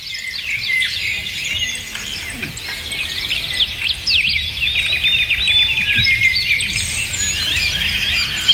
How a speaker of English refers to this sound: So as you're driving to work, let's take you outside where the birds can sing to you. 10 minutes of this should de-stress you.